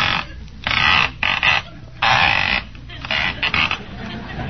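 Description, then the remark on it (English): A rotary telephone dial being turned and spun back several times, giving a series of raspy whirring bursts of uneven length separated by short pauses. “Certainly a noisy dial in there, ain't it?”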